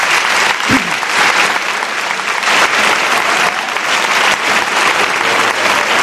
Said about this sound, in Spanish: Os pido un aplauso para este hombre.